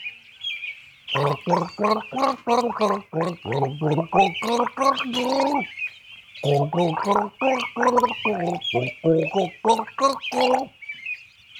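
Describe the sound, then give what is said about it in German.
Someone gargles a melody, which is not a Christmas song: a string of pitched, bubbling notes in two phrases separated by a short pause, with a steady watery rasp running underneath throughout. “Ja, denn heute gurgel ich nicht das Lidl, sondern das Vordings.”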